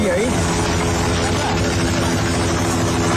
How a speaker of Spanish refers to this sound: El sonido de los helicópteros en Nepal que continúan haciendo labores de búsqueda tras las gravísimas riadas del pasado miércoles en la frontera con el Tíbet, provocadas por ese colapso de un glaciar.